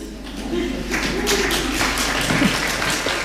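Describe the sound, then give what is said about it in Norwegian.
A crowd in the hall breaks into steady applause, a dense wash of clapping that holds at an even level, with a brief voiced cheer of "yes" rising out of it near the start, after the Swedish Academy announces the 2026 Nobel Prize in Literature for Canadian author Anne Carson. “Et lite yes I salen der, og applaus.”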